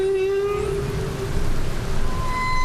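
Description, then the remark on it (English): A humpback whale sings a long, steady moaning note while fainter, higher tones glide above it, all over a constant rushing underwater hiss. “particularly if you're used to the more familiar whale songs from humpback whales.”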